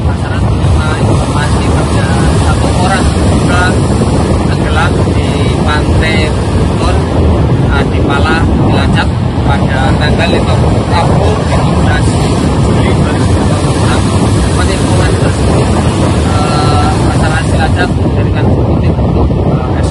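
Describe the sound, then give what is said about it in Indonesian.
A rigid inflatable boat carrying a Basarnas rescue team roars along at steady speed toward a location in the waters off Cilacap, Indonesia, its engine rumble continuous while heavy wind buffets the microphone and water rushes past throughout. “Menindaklanjuti laporan tersebut, tim rescue Basarnas segera menuju lokasi menggunakan RIB.”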